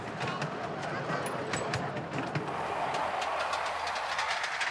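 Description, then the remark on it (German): A small model train rolls steadily along its track, a continuous rumble punctuated by regular clicking as the wheels pass over rail joints. “Große und kleine Züge zusammen auf den Gleisen.”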